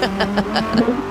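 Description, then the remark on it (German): A car engine revs and accelerates in a short burst, its droning tone rising and wavering as the car pulls away from a petrol station, with no voices over it. “Gehen Sie gerne inzwischen einen Kaffee trinken, ja, dann siehst du, wie dein Auto wegfährt.”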